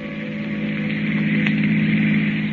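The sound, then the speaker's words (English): A long black car speeds along a highway through the night, its engine droning steadily, a constant low, humming rumble with a faint whine above it, loud and unbroken throughout, with no voices. “The long black car with a handsome man at the wheel and the woman beside him returns to the highway and speeds on through the night.”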